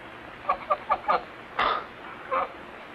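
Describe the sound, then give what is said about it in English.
A goose clucks in a quick run of four short notes, then gives two longer, drawn-out clucks after brief pauses, clear over a faint background hiss. “The strangest bird I ever saw.”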